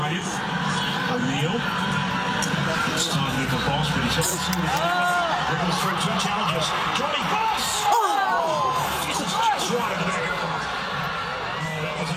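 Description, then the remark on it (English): A large crowd of people in Traralgon cheers along and shouts continuously, with whoops and yells rising above a dense wash of voices, loud and sustained throughout without a break. “grabs some sound for us of people cheering along in Traralgon.”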